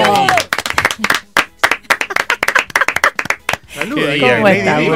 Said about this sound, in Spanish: Leandro Renú, llegó su momento. ¡Aplauso bueno, para Renú!